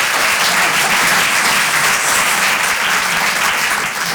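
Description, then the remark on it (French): Steady, loud crowd applause fills the whole stretch, a dense wash of many hands clapping without pause and no voices on top. “Ah, vous hésitez à applaudir, hein, vous êtes ralent.”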